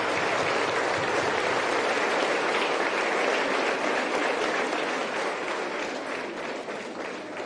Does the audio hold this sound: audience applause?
yes